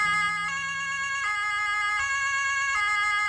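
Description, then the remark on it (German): A German police car siren from the Hamm police headquarters blares its two-tone wail, switching between high and low pitches roughly every three-quarters of a second. It is loud and steady, with no voices. “Ja, so klingt eine Polizeiautosirene von dem Hammer Polizeipräsidium.”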